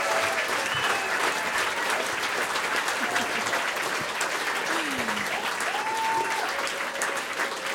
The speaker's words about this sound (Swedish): Ge dem en applåd till.